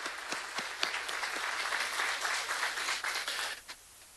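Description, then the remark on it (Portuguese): A crowd applauds steadily, many hands clapping in a dense, even wash with a few sharper individual claps standing out, fading slightly near the end. “Muito bem, uma salva de palmas a eles.”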